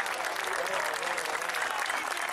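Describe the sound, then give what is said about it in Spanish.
An audience claps for God during a sermon, a steady, dense wash of applause that holds at an even, fairly loud level throughout, with no pauses and no voices rising above it. “Él es fuerte, ese aplauso si es para él.”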